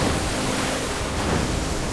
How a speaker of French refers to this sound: Vent debout, mer de travers. Le bateau tangue et roule au gré de la houle.